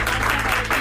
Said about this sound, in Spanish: Un aplauso para ella.